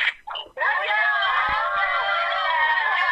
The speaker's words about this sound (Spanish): Y aquí le van a enviar un grito las cocineras que están todas acá.